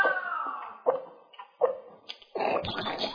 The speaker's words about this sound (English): This 3 seconds brought to you by a cat puking a hairball.